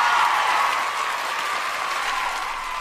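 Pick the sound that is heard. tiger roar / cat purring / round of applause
round of applause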